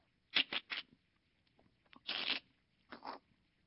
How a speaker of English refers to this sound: The snake had a place where it could break the egg right in its body.